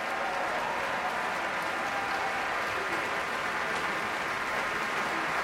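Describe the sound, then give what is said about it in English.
Sustained, dense applause from a large concert audience and members of the San Francisco Symphony at Davies Symphony Hall as soloist Damari McGill comes back on stage, a steady wash of many hands clapping at even loudness throughout, with no voices standing out. “Damari McGill back out on stage now, and much applause from the crowd here at Davies Symphony Hall and from the members of the San Francisco Symphony.”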